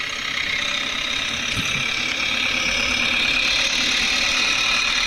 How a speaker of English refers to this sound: And yeah, speaking of little red things, I think I can hear the squeak in the distance of the little red tractor. And here he comes.